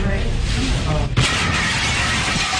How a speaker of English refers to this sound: So they go into a local restaurant when a car crashed through the window.